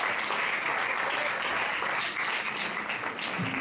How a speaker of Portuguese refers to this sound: Pode bater as palmas, aleluia.